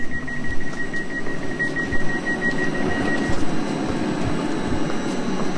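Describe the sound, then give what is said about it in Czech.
A steady rumbling ride inside a modern train leaving Praha Bubny station in Prague, Czech Republic, bound for Lipčice nad Vltavou, with a thin high whine and faint rhythmic clicks over the first half, then continuous low roar with no voices. “My teď nastoupíme do vlaku, ale nebude to směr Bohušovice nad Ohří.”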